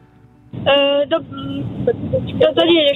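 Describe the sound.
A steady low rumble of car interior noise, from a family driving to the hospital, comes through a narrow, tinny phone line, with a voice speaking over it in short bursts.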